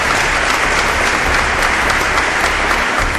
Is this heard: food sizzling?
no